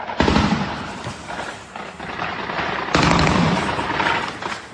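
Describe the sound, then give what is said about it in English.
Russian air defence guns in Crimea fire at Ukrainian drones in dense, rapid bursts, a loud continuous crackle of gunfire that eases slightly midway and then surges again, with no voices. “Russian air defences trying to shoot down Ukrainian drones in Crimea.”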